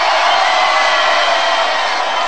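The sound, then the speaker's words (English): A loud, steady roar of a crowd cheering and whooping, a dense wall of excited voices that holds at full strength without pause for the whole stretch. “make some noise in this joint, man.”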